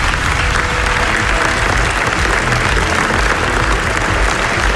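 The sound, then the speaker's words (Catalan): Sustained, dense applause from a large audience at the Venice Film Festival for the directors of the documentary NASA at its premiere, part of 25 minutes of applause; a steady wash of many hands clapping at once with no pauses, loud throughout. “I este que ara escoltaran és l'aplaudiment que van rebre els directors del documental NASA, estrenat fa uns dies en el Festival de Cine de Venècia.”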